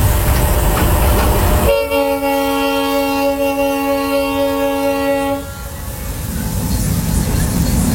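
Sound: passenger train running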